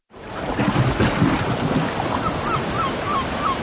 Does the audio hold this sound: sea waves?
yes